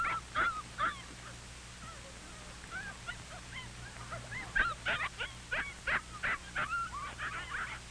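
A chorus of puppies yipping and whimpering, high-pitched cries overlapping in quick bursts throughout, over a low steady hum in the background.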